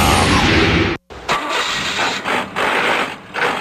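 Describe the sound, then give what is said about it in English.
A car engine roars loudly, cuts out abruptly for a moment, then runs rough and strained with uneven, surging pulses from a bad-sounding transmission. No voices are heard. “Dude, get your shift together. That sounds horrible.”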